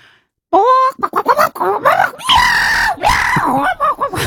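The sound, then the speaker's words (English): A person imitates a chicken fighting a cat: a loud, frantic burst of shrill squawks, yowls and screeches, nearly continuous for about four seconds after a brief silence. “I'll do a chicken having a fight with a cat.”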